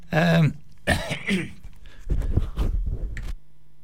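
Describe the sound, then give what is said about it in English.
A man coughs and clears his throat several times, a few harsh voiced bursts followed by rougher, raspier hacking, with no talking. “Sorry about that, ladies and gentlemen. Just had a bit of a cough.”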